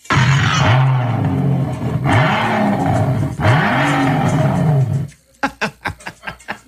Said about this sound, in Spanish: Pero, sí, entonces, oigan cómo hace ese carro. Cuando yo lo prendo, miren, oigan.